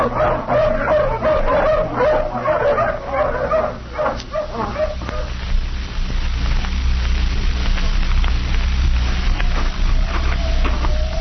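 A pack of hounds, just let off the leash, barks and yips excitedly, several dogs overlapping in busy bursts that fade out after a few seconds, leaving a steady low rumble behind.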